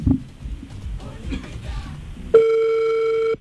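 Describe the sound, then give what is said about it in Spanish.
A phone line rings on an outgoing call to a man: after a couple of seconds of muffled background chatter, a single loud, steady electronic ring tone starts and holds clearly until the end. “Timbra el teléfono.”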